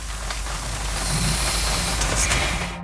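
Rain drums steadily against a car window at night, a dense, even hiss of droplets over a low, constant rumble, with no voices and no breaks for the whole stretch.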